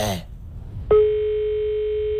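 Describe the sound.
A brief snatch of voice, then a short pause before the steady electronic ringback tone of an outgoing phone call, redialing someone who had hung up, starts and holds unbroken to the end, clear and fairly loud as if heard through a phone earpiece.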